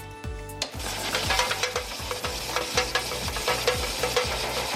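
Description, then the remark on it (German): An old, broken electric fan rattles loudly, its steady whooshing hiss broken by a regular low knock about twice a second, with no voices. “Ich hoffe, Sie haben einen solchen Ventilator daheim stehen, der möglichst wenig Lärm macht.”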